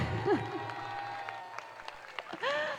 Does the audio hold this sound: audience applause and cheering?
yes